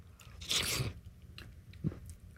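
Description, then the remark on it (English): Eating sounds as a man eats broccoli cheddar soup: a loud wet crunching bite followed by softer chewing and a second brief munch, with no talking. “Wow, he's really going to town there.”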